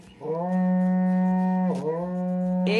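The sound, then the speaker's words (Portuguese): A berrante cattle horn is blown to wake people up, giving a long, loud, low brassy blast that falters briefly partway through, then resumes and climbs higher at the end, with no voices. “Toca o berrante, ele tá pedindo pra tocar.”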